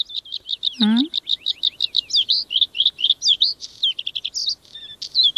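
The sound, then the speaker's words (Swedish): A bluethroat sings a rapid, varied song of repeated high chirps, trills and clicking notes, close and clear, with a brief lower rising whistle near the start and no talking. “Ja, jag gillar blåhaken till exempel. Det är en väldigt vacker sång, brukar även kallas förr i tiden för fjällens näktergal, så att den är ju känd för att kunna sjunga vackert.”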